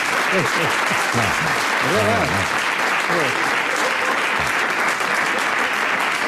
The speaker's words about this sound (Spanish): Y ustedes no deberían aplaudir algo así.